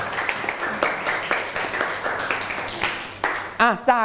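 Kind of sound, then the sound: crowd, audience clapping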